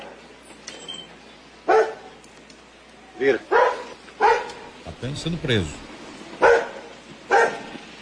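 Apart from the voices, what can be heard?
dog barking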